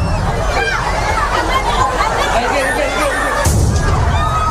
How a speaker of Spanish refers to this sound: En que se produjo una de esas explosiones que ha dejado, como decimos, más de 40 heridos.